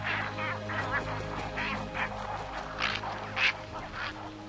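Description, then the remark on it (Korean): A large cattle egret colony in riverside trees calls in a steady chorus of harsh, raspy croaks, overlapping bursts that repeat without pause, with a few louder squawks rising above a low continuous background hum. “하지만 그중 가장 시끄러운 건 당연 황로들이죠.”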